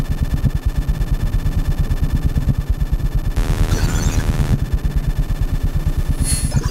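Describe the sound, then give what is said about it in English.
A loud, steady electrical hum of amplified everyday devices such as power supplies, clock radios, CD players, televisions, lamps, fans and an electric toothbrush, throbbing in a fast, regular pulse, layered with buzzing tones and a burst of bright, crackly hiss midway, droning continuously without any voices. “Everything you have heard so far, and everything you will hear, is the pure sound of electricity, is our sonic vocabulary.”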